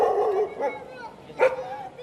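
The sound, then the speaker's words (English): A dog barks and yips a couple of times in a crowded evacuation shelter, amid a murmur of voices and bustle, the bark sharp against the crowded ambient noise. “Dogs, cats, and even rabbits, they came too because leaving them behind was never an option.”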